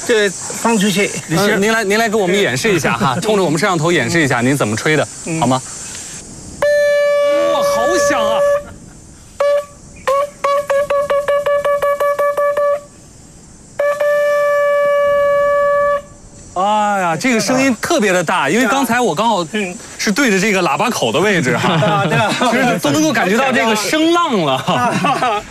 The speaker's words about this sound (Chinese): 那像这个猕猴，它能？ 熟悉这个声音吗？因为我们水缸是要吹这个螺号叫它下来这里吃东西。